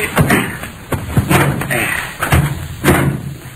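A car door slams shut with a heavy thud, followed by several more dull thumps and knocks spaced unevenly over a few seconds, with some low background rumble.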